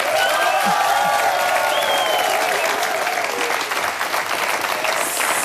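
Loud, dense applause from a live audience at the Live-Stage of a Swiss SRF 1 radio show fills the whole stretch, steady clapping with a few whistles and cheers rising above it.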